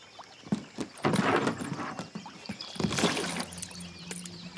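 A rowboat drifting on water in a nature reserve, with irregular splashes and sloshing against the hull, a few sharp knocks and creaks, and a low steady hum underneath, with no talking.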